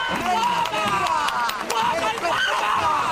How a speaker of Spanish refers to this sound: ¡Fuertes aplausos!